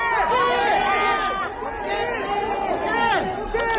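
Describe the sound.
A crowd of fans in Seoul, South Korea, shouts and calls out the name of Koke, Atlético de Madrid captain, many excited voices overlapping in a loud, continuous clamor with rising and falling cries throughout.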